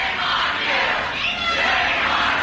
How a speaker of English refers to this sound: The crowd turned on their Republican senator.